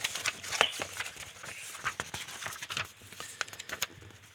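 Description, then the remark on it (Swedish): Paper pages of a binder being flipped through, a quick series of crisp rustles and soft snaps over about four seconds, with no one speaking. “Jag ska bläddra fram den åt dig.”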